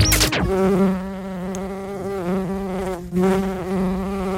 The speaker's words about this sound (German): Na, Biene? So, Biene.